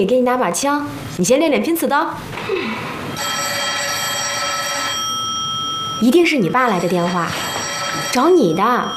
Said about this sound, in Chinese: 一定是你爸来的电话，找你的。